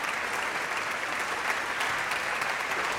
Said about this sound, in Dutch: De Nederlandse première van dit stuk. Op de dag van de componist. Hartelijk applaus voor Kate Moore.